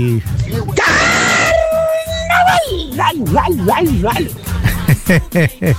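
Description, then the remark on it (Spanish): A person lets out a sustained, high-pitched half-shout lasting about a second and a half, imitating a band's signature cry, loud, then the voice drops into ordinary talking. “vos que haces una copia buena, pues la de los del grupo …. El medio gritito que se mandó nuestro pariente”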